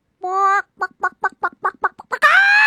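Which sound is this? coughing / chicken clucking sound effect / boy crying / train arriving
chicken clucking sound effect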